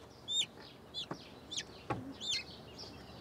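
Small Serama chickens cluck and chirp in short, high-pitched bursts, five or six calls spread over a few seconds, with a couple of sharp knocks in between and no one speaking, while being moved to a new enclosure at a small zoo in Bremerhaven.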